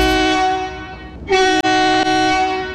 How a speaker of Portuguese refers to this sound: E os nossos motoras do Brasilzão, que já tá na pista também, carregando o cargueiro pesado. Aquele abraço para todos os motoras. Brasil! E um buzinaço para você que nos leva de carona.